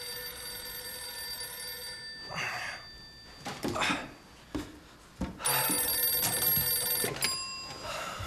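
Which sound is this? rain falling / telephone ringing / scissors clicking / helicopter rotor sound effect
telephone ringing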